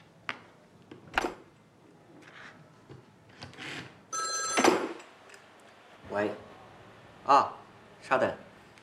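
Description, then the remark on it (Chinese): An old-fashioned telephone bell rings in one short, bright burst midway through, a call from a bank's Pudong branch, surrounded by scattered clunks and clatters and faint, muffled voices. “浦东分行那边来电话”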